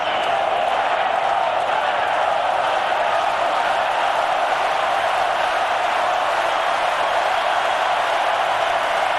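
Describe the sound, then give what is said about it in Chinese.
Sustained, dense applause from a large tennis-match audience standing to applaud a player, a steady wash of many hands clapping at full volume that carries on unbroken from start to finish, with crowd noise mixed in. “这样德奎奇终于是完成了爆发，现场都是起立来给德奎奇报以掌声，来给他带来更多的支持，给他注入更多的动力。”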